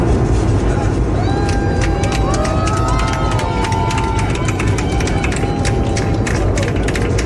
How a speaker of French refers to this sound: Faut imaginer l'affaire quand même en plein ciel comme ça et les gens qui applaudissent. Et elle l'avait pas enregistré, mais il paraît que même le pilote, semble-t-il, y était allé de quelques olé, olé, olé.